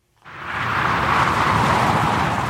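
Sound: motorway traffic passing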